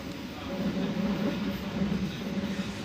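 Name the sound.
train passing on railway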